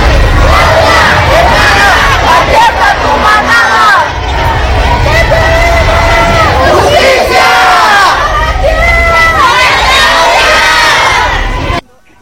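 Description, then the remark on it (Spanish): A loud crowd of students chants and shouts protest demands for justice over a femicide at a march in Cuernavaca, many voices rising and falling together in a dense, continuous roar that cuts off abruptly near the end. “Si me lo permites, vamos a escuchar parte de los reclamos que hacían en esta marcha hace unos instantes.”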